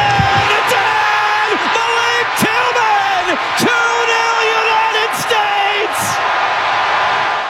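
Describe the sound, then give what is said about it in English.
A packed stadium crowd in San Francisco roars and cheers loudly without letup as Team USA scores its second goal against Bosnia, full of whoops and shouted yells, with sharp bursts of noise rising above the steady din. “Listen to this crowd.”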